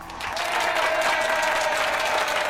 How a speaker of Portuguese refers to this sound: Palmas para vocês, né? É, vocês foram extraordinariamente fantásticos e magníficos hoje. Sempre, sempre, sempre. A companhia de vocês me faz muito feliz. Vocês merecem o nosso aplauso.